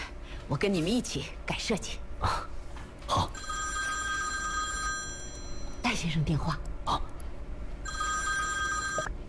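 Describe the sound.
A telephone rings in two long, steady electronic bursts, the second shorter, while people talk in the room around it.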